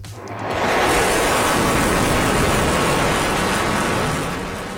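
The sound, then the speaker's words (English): A fighter jet flyover at Joint Base Andrews in Maryland, U.S., as President Donald Trump welcomes China's President Xi Jinping: a loud, broad roar swells in within the first second, holds steady and powerful, then eases slightly toward the end. No voices are heard. “A fighter jet flyover and U.S. President Donald Trump welcoming China's President Xi Jinping a short time ago.”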